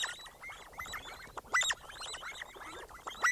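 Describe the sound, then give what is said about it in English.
A flock of sandgrouse calling, a steady overlapping chatter of short, throaty notes with a few louder bursts standing out, continuous with no voices. “Once the male has flown back across the desert with his life-giving cargo, the sandgrouse chicks crowd around him and use their bills like tiny squeegees, milking their father's belly feathers for water they so desperately need.”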